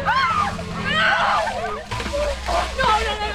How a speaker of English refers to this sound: Down the line, players on the Wilmington High field hockey team dump orange buckets of freezing ice water over their heads as they take part in the 10th annual Ice Bucket Challenge hosted by the Wilmington Rotary Club.